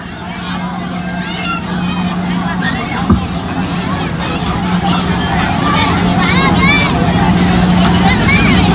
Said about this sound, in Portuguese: Vou convidar de novo a torcida. Quero ouvir o grito de vocês.